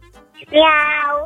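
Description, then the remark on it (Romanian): A child's voice imitates a cat's meow, one drawn-out rising and falling "meow" sung fairly loud, with a brief soft vocal sound just before it. “Sunetele pe care le scoate o pisică.”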